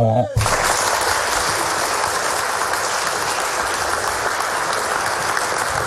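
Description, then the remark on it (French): A live show audience bursts into steady, sustained applause for the webmaster who directs the video, right after a brief spoken line. The dense clapping holds at an even loudness for several seconds. “le webmaster qui dirige la vidéo, l'image, on va l'applaudir.”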